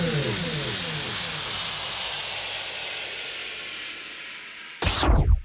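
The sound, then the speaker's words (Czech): A Honda car of the Chmiel driving school slows down at a pedestrian crossing in the Ostrava region. Its engine note drops steadily beneath a wash of road noise, then a sudden loud whoosh bursts in at the very end. “Ta Honda autoškoly Chmiel už zpomaluje.”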